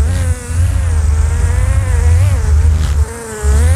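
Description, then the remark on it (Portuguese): A loud, harsh buzzing drones, dense and engine-like, much like a small chainsaw. Its pitch wavers slightly and it cuts out briefly twice before resuming. “Rapaz, essa abelha tá parecendo uma motosserra.”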